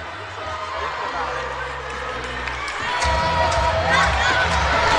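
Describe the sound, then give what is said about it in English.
A rowdy crowd roars and cheers inside the Stroh Center during a Falcons versus Bobcats volleyball match as Amanda Otten gets ready to serve, a dense wall of voices that swells louder partway through, with scattered claps and shouts. “Crowd inside the Stroh Center getting very rowdy as Amanda Otten gets ready for her serve.”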